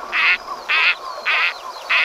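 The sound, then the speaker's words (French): A gadwall duck, a species 46 to 57 cm long that lives in freshwater habitats, calls four times in a steady, evenly spaced rhythm, each call a short, reedy, nasal burst, clear against a quiet background. “J'ai choisi un canard chipot.”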